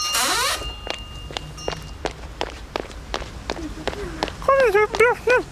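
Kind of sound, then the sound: human body sound, running footsteps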